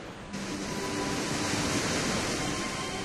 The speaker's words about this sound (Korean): 태고의 기억을 품은 돌기둥을 따라 거센 물보라가 피어오르는 폭포 곁으로 조심스레 걸음을 옮겨봅니다.